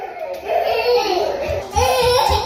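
Two toddlers walk about and babble and fuss in a continuous stream of high, whiny vocal sounds, pausing briefly midway, in an air-conditioned basement room of the town hall of Paris's 18th arrondissement during a heatwave, with a steady background hum.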